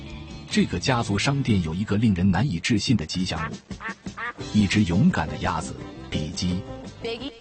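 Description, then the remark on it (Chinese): A two-year-old Pekin duck named Bicky, the mascot living at a family-run surf shop in Atlantic Beach, North Carolina, quacks loudly and repeatedly, its harsh nasal calls coming in rapid bursts across the whole stretch with only brief pauses. “比基是一只2岁大的北京鸭，它知道如何发出水花飞溅声。”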